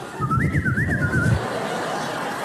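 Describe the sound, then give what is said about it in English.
A weak, breathy whistle, an adult's failed attempt at a loud whistle to call their kids in, wavers up and down for about a second, thin and airy with lots of blown noise, then gives out and leaves quiet. “Oh, terrible whistle.”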